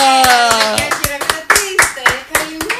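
Steady rhythmic applause: sharp claps land in even time, about five per second, loud and close over a sustained tonal musical backing, with no voices speaking.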